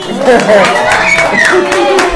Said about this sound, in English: So, the baby, clap for yourself again. Clap for yourself.